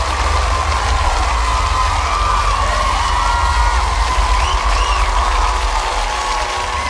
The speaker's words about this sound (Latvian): Šī diena nav nekāds izņēmums, un mums jāsāk ar mežonīgiem aplausiem. 8-1!